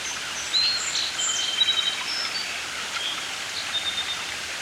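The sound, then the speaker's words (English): A song sparrow sings from within Phragmites reeds in short, thin whistled phrases and trills, over a steady wash of hissing background noise like wind or running water. “more song sparrows return. There's one now, seeming to rouse from within the Phragmites.”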